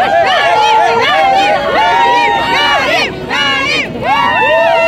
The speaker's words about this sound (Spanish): Entre aplausos, música y muestras de entusiasmo